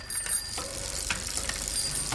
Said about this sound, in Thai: โอ้โหกลัวไม่รู้ว่ามีกระดิ่งกริ้งจักรยานหรือไงกดจังเลย แหมพี่ก็ฉันก็กลัวพี่จะหลบไม่ทันจะชนกันนะสิ